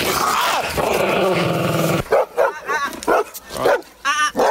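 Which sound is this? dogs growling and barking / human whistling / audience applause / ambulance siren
dogs growling and barking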